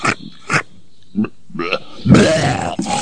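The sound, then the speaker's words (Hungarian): A voice acts out a wolf retching and vomiting: several short, guttural heaves, then a longer, rough gagging burst at the end, fairly loud. “Wolf, az első farkas, aki rókázni tud.”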